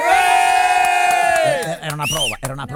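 A group of people rehearsing a cheer lets out a long, loud sustained shout in unison, holding the cry for over a second before breaking into scattered chatter and cheers.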